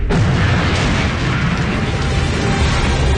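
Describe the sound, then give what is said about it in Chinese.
A loud, sustained explosion of a police car, with a deep rumbling roar that starts abruptly and fills the whole stretch, heavy low-end booming under a broad crackling wash, overpowering. “一声巨响，警车变形的车体化成了一团烈焰，随着巨大的爆炸在空中打了一个滚，又重重地落了下来。”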